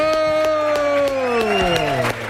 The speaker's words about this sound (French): Voilà, merci pour les applaudissements en passant.